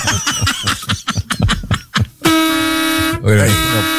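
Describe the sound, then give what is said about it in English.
Loud, sustained horn blast with a steady harmonic tone, sounding twice with a brief gap between, right after a stretch of lively chatter and laughter. “it was loud, but I would rather hear that horn again”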